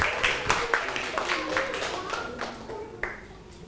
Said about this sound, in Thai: ถูกต้องนะครับปรบมือให้เพื่อน